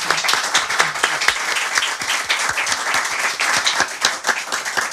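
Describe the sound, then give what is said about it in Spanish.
A crowd applauds steadily, many hands clapping in a dense, continuous patter that holds at a fairly loud, even level throughout, with no voices standing out. “Sus micrófonos y su casa y un aplauso y el agradecimiento también a cuantos amigos y amigas nos han acompañado.”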